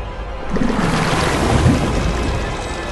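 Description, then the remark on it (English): A rowboat bearing a carved post, pulled across the water by a chain that Harry reels in, heard as a steady, fairly loud wash of sloshing water and breezy rush that swells slightly midway, with no voices. “The chain brings a rowboat bearing the carved post across the water.”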